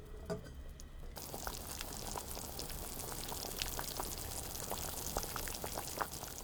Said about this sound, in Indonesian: Masaklah dengan api kecil hingga muncul gelembung-gelembung air yang menggelegak